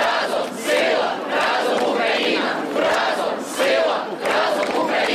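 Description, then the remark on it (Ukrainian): A large protest crowd in Ukraine, protesting a law passed by parliament and signed by the president, chants in loud, rhythmic unison, the massed voices swelling in repeated bursts about once a second over a dense, continuous roar. “Ухвалений парламентом і підписаний президентом закон викликав хвилю протестів по всій Україні, а ще викликав невдоволення у Брюсселі та Вашингтоні.”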